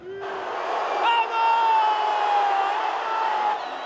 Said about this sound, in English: This is how Portugal fans greeted Cristiano Ronaldo and his teammates as they arrived back at their hotel in Toronto following that win.